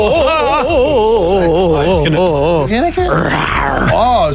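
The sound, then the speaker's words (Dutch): A person imitates a tiger's growl, a loud, wavering, throaty voice held for several seconds, breaking into a rougher, raspier roar near the end. “En doe een keer een tijger.”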